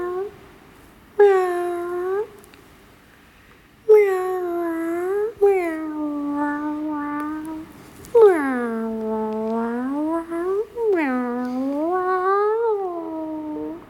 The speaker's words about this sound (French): Mais écoute bien, je ne miaule pas toujours de la même façon. Car chaque façon de miauler veut dire quelque chose de différent. Par exemple, quand j'ai envie d'un câlin, de gentillesse, je miaule comme une caresse.